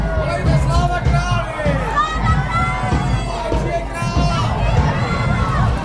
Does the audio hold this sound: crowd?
yes